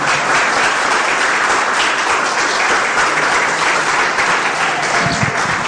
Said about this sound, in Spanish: Le podemos dar un fuerte aplauso, pero poderoso aplauso.